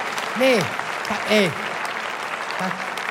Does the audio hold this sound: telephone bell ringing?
no